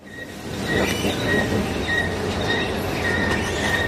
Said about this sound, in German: Sie quietscht, aber sie funktioniert. Die Rolltreppe in den 2. Stock.